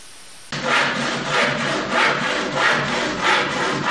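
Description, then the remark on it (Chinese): Steady back-and-forth strokes of a saw rasping through wood, about five or six even passes starting after a brief quiet moment, with no talking, as selected timber is cut and sanded to the finished size for Chuga woodcarving. “选好木料，根据成品尺寸进行切割和打磨，然后就可以进行雕刻了。”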